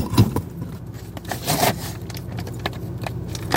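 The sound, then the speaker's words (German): Handling noises inside a car parked in the sun at 26.5 degrees: soft scrapes, light taps and rustling as raclette cheese is set down on the dashboard, with several brief clicks over a quiet low hum. “Also, legen wir den Raclette auf mein Armaturenbrett.”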